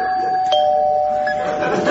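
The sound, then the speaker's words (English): A doorbell rings with a bright, sustained electronic chime, its clear tones holding steady and ringing out for nearly two seconds without any talking over it. “Now, who can that be at this depth?”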